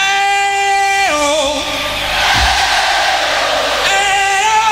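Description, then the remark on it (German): Audience call and response at the Live Aid benefit concert, 13 July 1985: a loud, sustained sung note gliding in pitch, answered by a swelling roar of crowd voices, then the held vocal returns. “spielt mit dem Publikum.”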